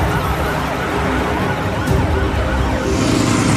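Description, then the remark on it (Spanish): Several police car sirens wail at once as police follow a bus along a highway at dawn, their overlapping rising and falling tones loud and continuous over a steady rumble of road traffic, with no one speaking. “Los secuestradores están arriba y hay una gran presencia policial que sigue al autobús por la autopista.”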